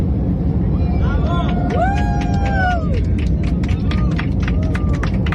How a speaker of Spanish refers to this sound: el avión ha empezado a aplaudir, hemos empezado a gritar, porque es que realmente ha sido una sorpresa colectiva. Nos teníamos grandes expectativas de este eclipse, de poder vivirlo desde el cielo, desde 10.000 metros de altura.